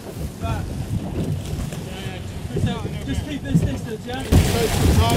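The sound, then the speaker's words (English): Wind buffets the microphone steadily on a small boat 3 miles out at sea near an anchored Russian shadow tanker vessel seized by the Royal Navy, with engine rumble and water slapping below, and a voice speaking over the noise; a louder gust hits near the end. “Well, this is out at sea and as close as we can get to this Russian shadow tanker vessel that was apprehended by the Royal Navy in the early hours of Sunday.”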